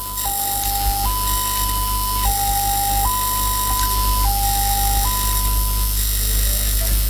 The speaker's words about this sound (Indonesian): Bunyi yang pertama mirip palang kereta api yang artinya ambulans sedang menjemput pasien.